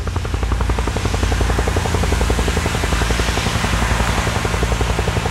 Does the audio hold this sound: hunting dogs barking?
no